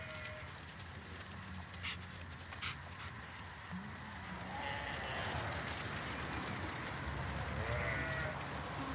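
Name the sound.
flock of sheep bleating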